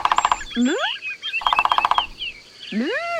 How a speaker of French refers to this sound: C'est un pivert. Le pivert tape avec son bec sur le tronc de l'arbre pour parler avec les autres oiseaux. Il tambourine. Qu'est-ce qu'il est bavard, ce pivert ?